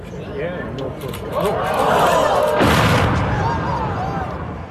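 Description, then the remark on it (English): A distant, rumbling explosion rolls out as a bridge is imploded in a demolition, with a broad burst of noise at its peak, while a crowd murmurs and gasps in awe throughout. “Just the, it just sounds like a perfect movie sound effect of the people in awe at the bridge being imploded.”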